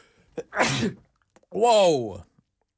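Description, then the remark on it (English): A single loud sneeze with a sharp breathy burst, followed moments later by a drawn-out voiced exclamation from the same person. “I mean, yeah, sneeze if you love that song.”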